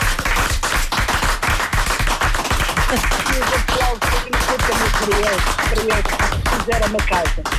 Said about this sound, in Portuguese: Vão um aplauso.